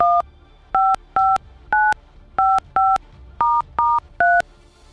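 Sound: telephone dialing tones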